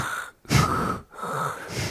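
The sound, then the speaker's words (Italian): A voice imitates heavy, deep breathing into an open microphone, with two long breath cycles separated by brief pauses, loud and raspy, with no words spoken. “Ma mi dà ancora più fastidio quando si sente con il microfono aperto l'altro che non parla, ma si sente la respirazione così un po' profonda.”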